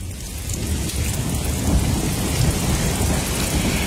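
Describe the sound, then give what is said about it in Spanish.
A thunderstorm: steady, dense rain hisses throughout while deep thunder rumbles low and continuous underneath, fairly loud, with no voices. “Seguiremos caminando tras la tormenta.”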